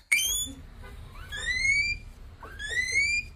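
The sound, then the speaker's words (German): A guinea pig wheeks loudly three times: a short chirp, then two long, rising, high-pitched squealing whistles, each drawn out like a siren, with no talking. “Und das ist ganz klar ein Meerschweinchen.”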